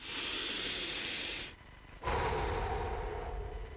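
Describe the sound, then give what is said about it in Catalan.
A long, deep breath drawn in, a brief pause, then a full, airy exhale that slowly trails off. No one speaks. “Detenete. Respira profundo.”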